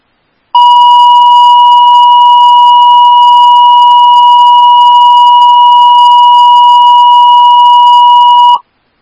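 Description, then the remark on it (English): A single loud, steady electronic dispatch alert tone for Woodbury Station 11, sounded for a CPR call at Central Priority Pediatrics on Tamarack Road, pitched fairly high, holds unbroken for about eight seconds and then cuts off. No voices. “Woodbury Station 11S, these are tones for the CPR 9680 Tamarack Road at Central Priority Pediatrics, Suite 100.”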